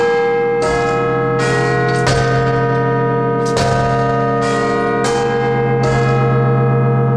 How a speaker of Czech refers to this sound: Dnešní ráno je anglické, to byly zvony z Big Benu